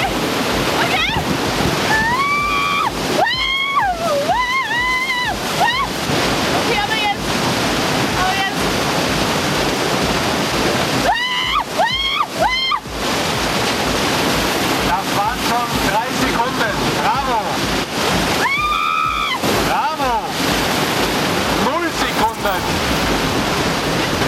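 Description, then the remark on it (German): Steady roar of a surfing wave and rushing water, as people on surfboards in wetsuits keep trying to ride it, runs the whole time, loud, with a few shouting voices rising over it now and then. “Jetzt Wasser, ihr Nichtschwimmer!”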